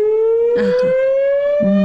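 An earthquake warning siren sounds from megaphone-like horns atop poles installed in an urban area, set off when a seismic movement occurs: a loud, continuous wailing tone that rises slowly in pitch, with a few brief low bursts of other noise underneath.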